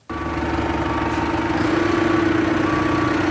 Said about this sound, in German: rückwärts mit einem Trecker an eine Maschine heran, die sie an das Fahrzeug hängen möchte.